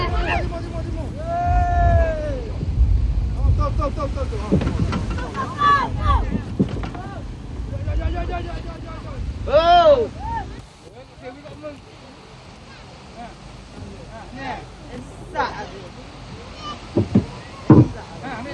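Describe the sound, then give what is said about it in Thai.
Steady wind rumbles along a beach while several voices call out and shout over it as villagers together haul kolae fishing boats ashore at midday after work at sea, lining them up on the beach; the noise eases partway through, leaving quieter wind and scattered calls. “การทำงานกลางทะเลของชาวเรือกอและจบลงเมื่อดวงตะวันคล้อยมาอยู่ตรงกลางศีรษะเรือถูกทยอยนำขึ้นมาจอดเรียงบนหาดด้วยความร่วมแรงร่วมใจของคนในหมู่บ้าน”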